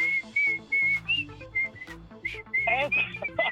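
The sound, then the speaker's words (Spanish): A bright, clear whistled melody carries a lilting tune in short repeated phrases over steady instrumental backing, sounding like part of a recorded song, with no talking. “¿La del chiflidito? ¿Esa la oye, sí, bien seguido?”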